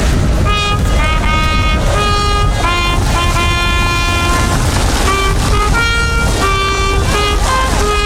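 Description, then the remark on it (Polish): The academic anthem Gaudeamus Igitur rings out from the tower of St. Mary's Church in Kraków, Poland, for the Jagiellonian University's celebration, heard in pouring rain on the market square. It is a steady brass melody of sustained, bright notes moving in stepwise phrases, loud and continuous with no talking over it. “kilkadziesiąt minut temu z wieży kościoła mariackiego wybrzmiało Gaudamus Igitur.”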